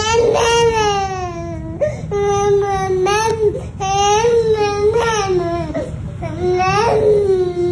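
An infant of about eight months, sitting in a high chair in a kitchen, cries and babbles in a run of loud, high-pitched, wavering wails, breaking into short syllable-like bursts with brief catches of breath between them, and no other voices.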